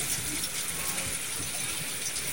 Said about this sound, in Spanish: ¿Logra distinguir algo? Lo que escucha no es nada, no es nada fritanga. Es lluvia. Lluvia que va y viene.